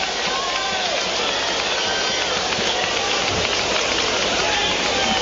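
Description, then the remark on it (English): Steady, even hiss of rain falling over a large outdoor ballpark during a baseball game involving Cleveland, discoloring spots on the infield, blending with a crowd murmur and indistinct voices, continuous and fairly loud throughout. “Starting to get some discoloration on the infield and a couple spots on the right side, it looks like, as the rain continues to fall.”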